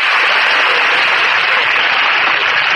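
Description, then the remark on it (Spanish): Thick, sustained applause from a large crowd, countless claps blurring into a steady hiss that stays loud and even for about three seconds, with no voices standing out. “¡Qué aplauso!”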